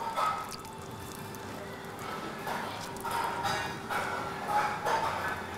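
Water is sprayed or poured onto hot, hardening plastic, giving a steady soft hiss with several swelling bursts and faint dripping, under a low constant hum, with no talking.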